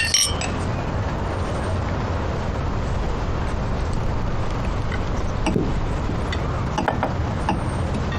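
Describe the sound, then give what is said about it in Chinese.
Glasses clink together in a toast to communism, a bright ring right at the start, followed by a few lighter clinks later over a steady background hiss, with no talking. “哎，这个说法好，那我们就为共产主义干一杯！来，秉良， 来来来来，干杯，干杯。”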